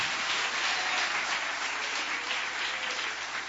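A church audience bursts into sustained applause to welcome a preacher, many hands clapping together in a dense, steady wash of sound that holds evenly for several seconds with no voices standing out.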